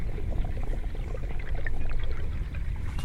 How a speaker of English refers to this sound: So the river sounds, I'd say I'd associate it with the sound of a breeze. The river speaks. You hear the waves, the roar of the wind in the leaves of the trees, the breeze in the reeds, a fragile sound, murmuring